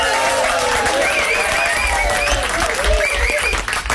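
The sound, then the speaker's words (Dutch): A studio audience applauds loudly and steadily during a live morning show, a dense wash of clapping with cheers and whoops rising over it, holding full volume throughout. “Groot studioapplaus.”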